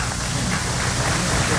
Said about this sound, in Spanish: Un aplauso.